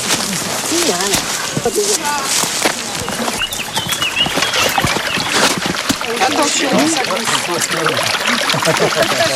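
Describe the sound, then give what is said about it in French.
Water of the Vers stream flows with a steady rushing hiss throughout, with people talking over it and occasional splashes and birdsong mixed in. “Et donc, pour capter l'eau au ruisseau, il a fallu faire des petits aménagements, qu'on va aller voir tout de suite.”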